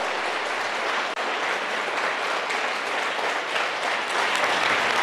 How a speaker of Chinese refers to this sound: 我们为他90岁鼓掌一下好不好？